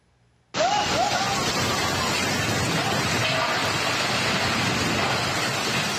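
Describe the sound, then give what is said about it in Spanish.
After a brief near-silence, a dense, steady roar of torrential rain bursts in and continues loudly, a heavy downpour during a storm in Fujian province, China, after Typhoon Caudal, as a three-story house collapses, with a rumbling low end and no speech. “Una casa de 3 pisos se desplomó en medio de una tormenta.”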